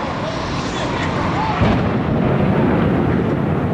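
A dense, roaring rumble of an explosion as an airplane crashes into the North Tower of the World Trade Center in New York City's financial district at 8:46 a.m. local time; the noise swells and deepens partway through into a heavier low boom that keeps rolling without a break.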